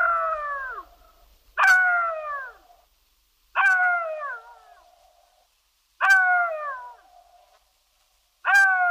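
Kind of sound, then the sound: animal, jackal howling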